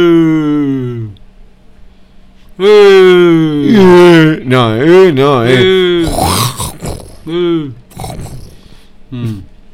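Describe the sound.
A voice imitates a lion's roar, like the Metro Golden Mayer lion, with a series of loud, wavering growls and grunts that rise and fall in pitch, separated by short pauses.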